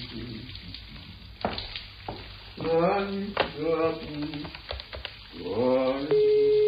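A steady hiss of running shower water fills the background while voices talk over it; a sustained electronic tone sounds briefly at the very end.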